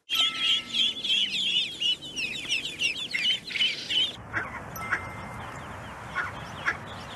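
Ducklings peeping: a dense chorus of rapid, high-pitched peeps for about four seconds, then fading to a few scattered, fainter peeps over a quiet hiss.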